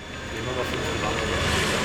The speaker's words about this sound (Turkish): Saatte 200 km hızla esen rüzgarlar arabayı döverken hava büyücüleri olayı heyecanla takip ediyor.